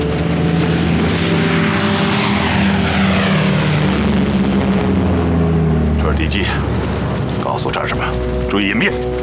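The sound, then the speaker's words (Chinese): An enemy Japanese propeller warplane roars low overhead at Qingyang, Anhui, China, its droning engine swelling loud and then passing, with voices shouting to take cover breaking in toward the end. “敌机，告诉我这是什么？注意隐蔽！ 飞机来了，注意隐蔽！”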